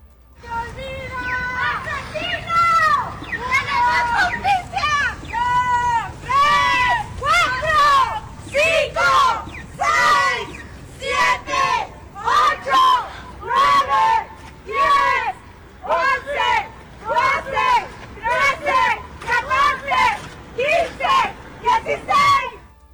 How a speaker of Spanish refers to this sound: Tras la llegada de Garduño, se gritaron números del 1 al 40 por las víctimas, además de asesino.